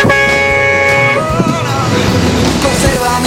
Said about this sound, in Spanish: ¿Se escuchó la bocina negra? Claro que sí.